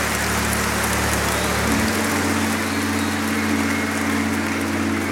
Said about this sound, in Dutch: Ja, fantastisch. Applaus voor jezelf.